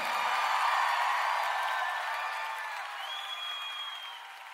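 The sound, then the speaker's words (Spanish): An audience applauds steadily for several seconds, a dense wash of clapping with a few raised voices blended in, tapering slightly toward the end. “Aplauda a su Señor.”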